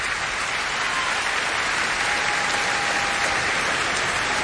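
Sustained, steady applause from a large concert audience as a soloist returns to the stage with conductor Lahav Shani and the Munich Philharmonic Orchestra, a dense wash of many hands clapping at an even loudness throughout, with no voices standing out.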